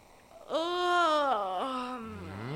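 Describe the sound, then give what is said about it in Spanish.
A long, voiced yawn, rising quickly in pitch, holding briefly, then sliding down to a low, drawn-out groan over about two seconds, heard alone. “El protocolo no permite bostezar ante un rey.”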